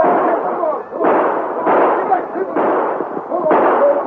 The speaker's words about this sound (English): The passengers and the crew poured from the train to send a few parting shots after them.